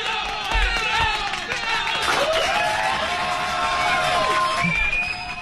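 A large crowd bursts into loud, sustained cheering and applause, with shrill whoops and shouts rising over the steady roar of clapping for several seconds.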